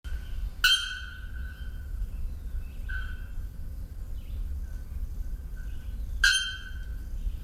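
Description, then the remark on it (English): Two loud, sharp metallic bonk-like calls of a bare-throated bellbird ring out about six seconds apart, with a fainter call from another bird in between, over a steady low rumble of background noise. “So this is the bare-throated bellbird song.”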